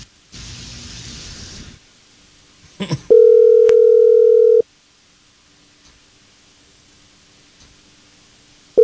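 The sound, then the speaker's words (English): A steady ringback tone sounds on an outgoing phone call placed live on the Jesse James Morning Show radio programme: a static hiss and a couple of clicks, then one long ring, a few seconds of silence, and the next ring just starting. “I just need you quiet on the phone while we give her a call, okay?”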